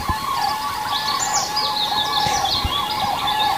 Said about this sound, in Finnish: Ja punarinta. Joo.